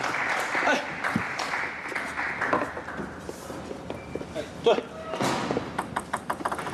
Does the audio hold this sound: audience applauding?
yes